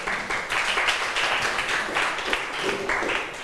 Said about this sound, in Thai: เก่งมากปรบมือให้เพื่อนหน่อยค่ะ